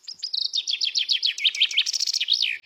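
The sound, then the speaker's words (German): A common chaffinch sings a bright, rapid song of repeated descending notes that accelerates into a flourish at the end, clear, with no other sounds. “Der Buchfink, ebenfalls ein Waldbewohner, hat vor allem in den tieferen Lagen abgenommen.”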